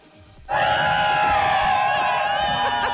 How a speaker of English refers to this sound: And then they get excited because they see a bunch of people on inner tubes floating down this river. Okay. And they're hyped because, of course, the whole crowd is hyping them up. And it sounded like this.